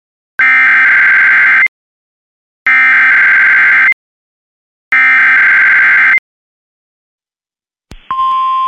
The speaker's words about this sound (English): This was a test of the NOAA weather radio warning device. Following the alarm tone, your receiver should have turned on automatically. The alarm tone just transmitted should have been heard on any operating receiver.